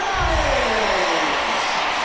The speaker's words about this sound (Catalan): I ara aquests crits que sentiu és perquè estan repassant l'alineació d'Espanya i a cada nom hi ha la gent que aplaudeix.